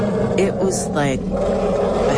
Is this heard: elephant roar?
yes